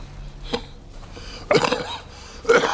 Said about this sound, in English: He coughs into a handkerchief.